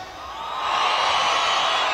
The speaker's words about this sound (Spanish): El grito y el chiflido de la gente cabrona.